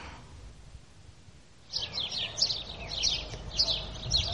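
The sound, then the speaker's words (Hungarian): After a short stretch of quiet background hum, sparrows at the edge of a town break into a run of unusually sharp, high chirps, repeating quickly, with no voices present. “Milyen szokatlanul éles hangon énekelnek ezek a város végi verebek, amelyek még nem tanulták meg a városi illedelmes hangot.”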